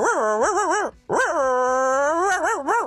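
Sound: voice imitating a dog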